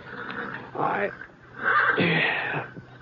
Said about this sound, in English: It was getting on toward dawn when I... one of the horses down the corral was sure upset about something.